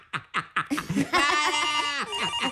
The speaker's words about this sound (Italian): Ecco che squilla il telefono.